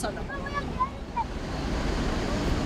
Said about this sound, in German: Und dann geht es endlich los, in den Wellen des Pazifiks.